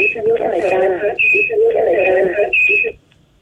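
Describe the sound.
A radio broadcast plays over a phone line, its voice thin and band-limited, holding a steady, fairly loud level before cutting off abruptly just before the end.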